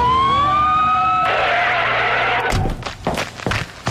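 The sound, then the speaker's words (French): A police patrol car siren wails loudly for about a second, then gives way to a rushing roar of traffic noise and a few sharp, irregular clattering bursts, as the car responds to a report of suspicious activity at a convenience store by the lake. “Voiture de patrouille, on nous signale une activité suspecte au dépanneur du lac.”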